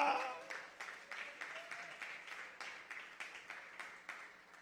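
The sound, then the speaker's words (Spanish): A crowd claps together in praise of the Lord during a sermon, in a steady, quick rhythm, the sharp slaps blending into a continuous beat for several seconds, with a faint voice at the start. “Dele palmas al Señor.”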